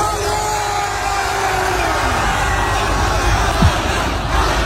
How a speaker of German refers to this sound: Berlin hat einen neuen Superstar, Arda Saci. Er ist Freitagabend in Berlin gelandet und seine Fans haben ihn frenetisch gefeiert.